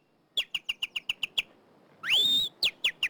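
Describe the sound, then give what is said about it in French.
Small birds chirp in a quick, evenly spaced run of bright high notes, then a longer rising whistle and a few more sharp chirps, clear with no talking. “Il comprend que ce sont des petits oiseaux et c'est son premier mot qu'il a dit.”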